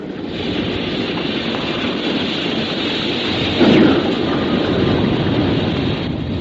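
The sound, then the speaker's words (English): A steady rumbling roar of rushing, churning water as a submarine rises to the surface of the water, swelling into a brief louder surge partway through, with no voices. “Are you prepared to rise to the surface?”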